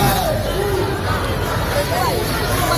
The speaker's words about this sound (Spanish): Y este sonido de hace unos minutos en la Puerta del Sol, donde seguimos atentos a los enfrentamientos que durante todo el día se están produciendo entre grupos ultras y que de momento ya dejan dos detenidos y un policía herido.